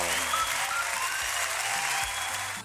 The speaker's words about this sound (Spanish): Lo primero que vamos a hacer, un aplauso para el Trigal ahí, que está muy bueno el pancito.